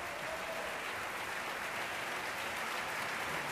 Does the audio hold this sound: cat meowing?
no